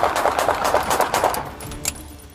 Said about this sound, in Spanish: le echó el auto a los oficiales y estos respondieron con plomo.